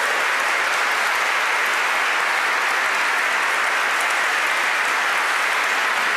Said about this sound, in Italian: E poi un bellissimo applauso per tutti i volontari e tutti i cantori, davvero straordinario. And an applause to the volunteer and the choirs.